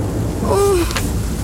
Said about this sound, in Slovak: Vraj tu veľmi často... Prší...